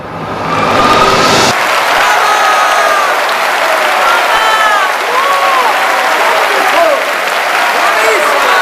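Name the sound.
audience standing ovation applause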